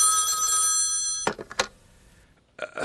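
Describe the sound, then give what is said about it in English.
A telephone in a hotel room in Milwaukee rings late at night with a bright, steady electronic trill for just over a second, then cuts off abruptly, followed by a few clattering knocks, a quiet pause and more rustling. “Alone in my hotel room late one night, I had just gone to bed when the phone rang.”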